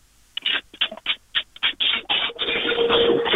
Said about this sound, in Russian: Это звуки скорее стиральной машинки, я так понимаю.